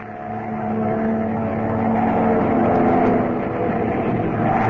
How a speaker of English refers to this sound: Our only chance is to put this plane into a power dive. Here goes.